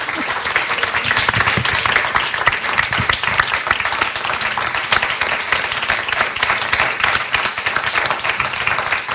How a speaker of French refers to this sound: Merci également, voilà, j'allais dire, au public. Okay. Vous pouvez vous applaudir, voilà. Le public.